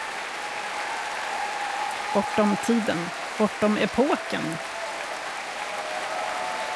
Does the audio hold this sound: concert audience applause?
yes